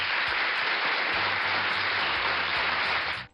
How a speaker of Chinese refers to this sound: 海马爸爸大大的掌声呢。